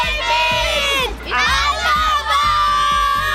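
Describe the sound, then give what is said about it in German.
A large crowd of children in the stands shouts together at an event with David Alaba, a loud, high-pitched mass of voices that surges in three sustained bursts with brief dips between them. “Wir haben uns nicht gehört. Rufen wir nochmal gemeinsam.”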